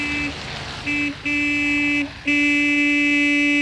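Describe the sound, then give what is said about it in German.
A car horn honks loudly: two short toots, then a longer blast, then a final sustained hold that runs to the end. No one speaks. “Ja, hup nur, ich werde auch hupen.”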